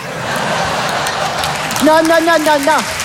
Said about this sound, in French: Non, monsieur, dame, n'applaudissez pas, parce que c'est méchant.